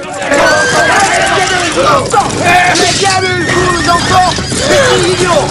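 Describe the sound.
Three horses ridden by uniformed riders rear, whinny and neigh several times in shrill, wavering cries as the riders draw swords, over a continuous din of crowd voices and movement, loud throughout.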